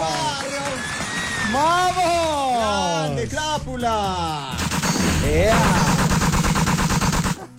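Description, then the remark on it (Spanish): A gunfire sound effect: loud, rapid bursts crackle in a dense machine-gun rattle during the second half, preceded by swooping, whooping voices. It is played as a welcome for guests in the Radioactiva Colombia radio studio. “Oiga, ese recibimiento a bala me asustó.”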